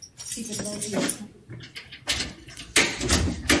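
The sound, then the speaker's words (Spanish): Someone fumbles with keys in the lock of a cellar door bearing a danger sign, and the door rattles open, with a few sharp metallic clacks and scrapes mixed in among people talking. “Están buscando unas llaves porque nos van a abrir acá, que parece que acá se oyen cosas raras.”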